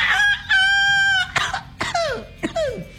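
A rooster crows loudly, one long sustained harmonic call followed by several shorter, falling squawks in quick succession, with no talking.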